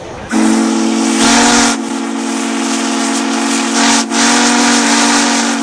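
A steam locomotive whistle blows loud in one long, steady blast with a breathy hiss around its tone, dipping briefly twice before sounding on to the end, at the Steamtown National Historic Site in Scranton.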